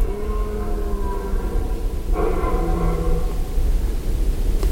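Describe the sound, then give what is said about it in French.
Long, drawn-out bellows of red deer stags in rut at night under the stars, rich harmonic moans that overlap and follow one another over a steady hiss of background noise, with no voices. “J'entends de nombreux brames longs de cerfs qui semblent dire à leurs compères « Je suis là, je suis là !»”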